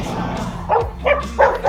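A dog barks three times in quick succession, short sharp yips at close range over a low background hum, with no talking.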